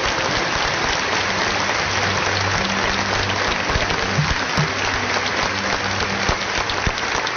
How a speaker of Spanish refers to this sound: El aplauso al Señor que retira.